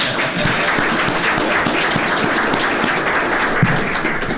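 A steady round of applause from many hands, dense and continuous for several seconds at an even, fairly loud level, with no voices standing out.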